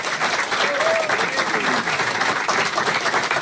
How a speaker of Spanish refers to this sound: Bueno, fuerte el aplauso, por favor, para mis amigos.